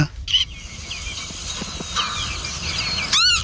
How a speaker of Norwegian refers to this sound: Ja, hvordan låter den? Ja, det må du snakke med en i styret som heter Berit. Hun mener at viper roper på seg. At han sier, Berit.